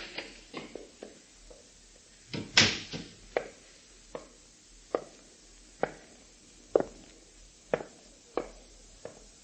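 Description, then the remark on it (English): A front door opens with a loud creak and clatter, followed by slow, evenly spaced footsteps thudding across a hard floor, with no one speaking. “There's someone at the front door.”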